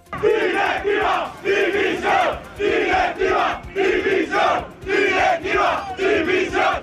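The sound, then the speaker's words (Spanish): A large crowd of angry football fans chants in protest against the club's board after a 1-3 home defeat to Sporting de Gijón, loud rhythmic shouted bursts repeating in steady waves with brief pauses between them. “Visiblemente cabreada, incluso antes del partido, ha cargado contra la directiva a gritos y lanzando billetes con la cara del presidente de Jorge Mas, en los que se podía leer «Basta ya».”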